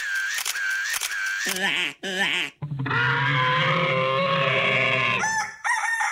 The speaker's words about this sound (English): Did you like the rooster on the end there?